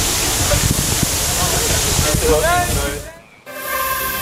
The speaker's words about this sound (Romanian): Canicula a lovit și Germania. În centrul Berlinului, jandarmii au folosit tunurile cu apă să răcorească oamenii.